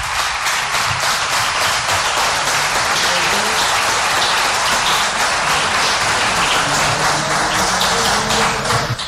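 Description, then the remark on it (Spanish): Sustained audience applause fills the whole stretch, a dense, steady wash of many hands clapping at once, loud, with no talking over it, given for a boy as he is presented with an award for his work. “Vamos a darle ese fuerte aplauso”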